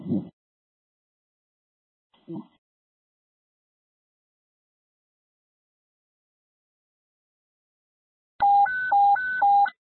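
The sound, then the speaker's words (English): Two short low thumps break a long quiet stretch, then loud electronic phone tones begin near the end, alternating between pitches in a quick repeating pattern, as a call from a camera phone is put over the speaker to the room. “Speaker putting call from camera phone over the room.”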